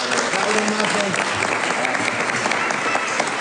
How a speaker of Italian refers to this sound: Prego, venga anche lei, applauso anche a lei.